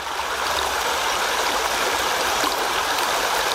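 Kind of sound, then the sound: nature, river water flowing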